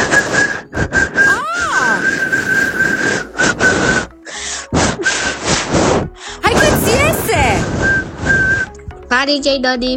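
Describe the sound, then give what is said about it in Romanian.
A 9-year-old girl from Bucharest whistles a series of breathy, steady high notes, broken by short pauses and occasional pitch glides, with a brief bit of talking at the very end. “Cum să imit eu fluieratul acela este așa.”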